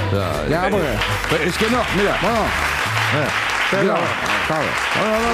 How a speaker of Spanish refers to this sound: Claro. Tampoco se entiende el aplauso.